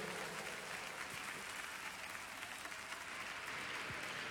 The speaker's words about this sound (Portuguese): aplaude o nome de Cristo Jesus.